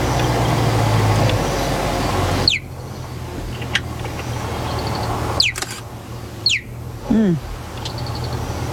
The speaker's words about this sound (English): No, this is a sound a cheetah makes. Believe it or not, listen again.